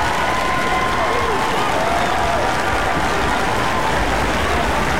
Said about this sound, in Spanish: Aplauso para ustedes.